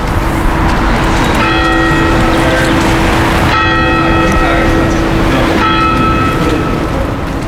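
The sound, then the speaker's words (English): Church bells ring the Angelus, three resonant strokes about two seconds apart, each lingering over a steady background rumble of traffic-like noise; no one speaks. “The Angelus, the bells at play as well.”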